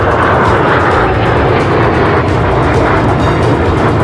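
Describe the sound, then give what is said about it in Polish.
A loud, continuous roar of military aircraft flying overhead, a dense engine rumble that stays steady for the whole few seconds, with no voices. “Powiem szczerze, pierwszy raz widziałem tego typu samoloty, helikoptery i tak dalej, więc no jestem pod wrażeniem.”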